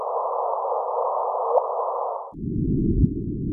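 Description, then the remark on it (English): A synthetic audible chirp rendering of the first gravitational wave caught by the LIGO laser detector on September 14, 2015: a steady, hissy mid-pitched tone that abruptly drops to a lower, rumbling band partway through, with a couple of faint clicks and no voices. “It came across, or at least it's represented now, as a kind of a chirp, an audible chirp.”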